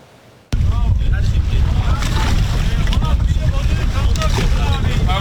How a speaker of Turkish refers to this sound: Teknelerle denize açıldılar, en büyük Orkinos'u yakalamak için kıyasıya yarıştılar. Orkinos yarışması Çeşme açıklarında tüm hızıyla devam ediyor.